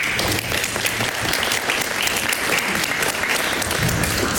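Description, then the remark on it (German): Steady applause from an audience after a text is read aloud, a dense crackle of many hands clapping at an even level for several seconds, with no one speaking over it. “Berechtigtes Zögern, ob jetzt bei dem Text, also ob das Applaus würdig ist, aber es ist natürlich sehr toll, dass du das für uns liest.”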